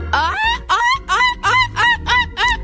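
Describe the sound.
A boy imitates a seagull, letting out about six loud, squawking cries in quick succession, each rising and then falling in pitch, with no talking around them.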